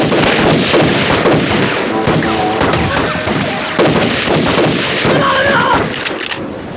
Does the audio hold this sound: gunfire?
yes